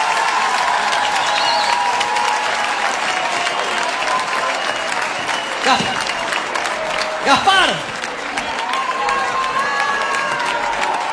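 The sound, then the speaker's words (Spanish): A crowd applauds steadily throughout for two performers who closed the event, with whoops and cheers swelling briefly in the middle, while a voice speaks over the clapping. “Aplauso para ellos.”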